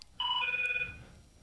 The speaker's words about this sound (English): And I don't know why this phone's ringing.